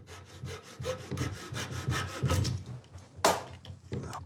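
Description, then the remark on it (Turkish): A small flush-cut saw rasps through wood in quick, even back-and-forth strokes, cutting out a damaged slat: about a dozen bright scratchy pulses, with a sharper crack near the end and no talking. “Bu küçük bir gömme kesim testeresi.”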